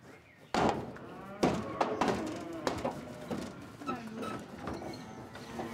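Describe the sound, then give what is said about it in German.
Three heifers being loaded onto a trailer to be taken to pasture: loud metallic bangs and hollow thumps in an irregular series, with low animal sounds and rattling in between. “Heute managt sie 70 sensible Kühe.”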